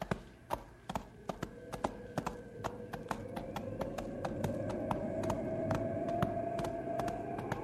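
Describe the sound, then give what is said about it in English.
A horse's hooves clip-clop along a trail in falling snow in a brisk, steady rhythm, distinct, while a rising whistling wind tone builds beneath them. “Wish my horse thought so. We better push a little faster. Up, boy.”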